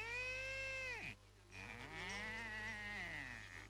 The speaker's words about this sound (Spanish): La vaca.